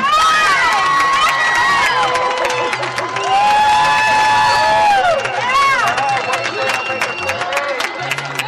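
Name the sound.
crowd applauding and cheering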